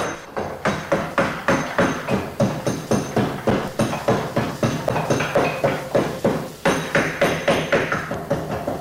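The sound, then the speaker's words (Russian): Beech wood being carved with a mallet and chisel: a steady run of sharp, loud knocking strikes, roughly three per second, with a brief pause midway and no voices. “А как звучит бук? А вот послушайте.”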